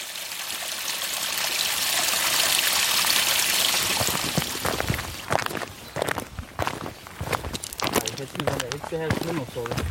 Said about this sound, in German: Aber Pluspunkt, neben uns plätschert auf der einen Seite ein kleines Rinnsal, auf der anderen Seite rauscht der Dürnbach.